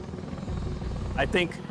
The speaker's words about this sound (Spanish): Los B-22 Ospreys desplegados en Okinawa despegan como un helicóptero y vuelan como un avión. Son fundamentales para la logística del ejército estadounidense.